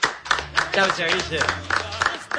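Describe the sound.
Audience applause, a steady patter of many hands clapping, runs under a voice speaking over it, with a low sustained hum underneath.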